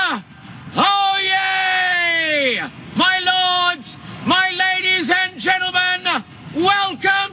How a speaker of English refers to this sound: That's him in his role as town crier.